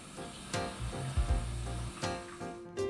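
A steady hiss of shower water spraying and splashing, with a couple of louder surges as the stream shifts against the body and a low rumbling underneath. No one speaks.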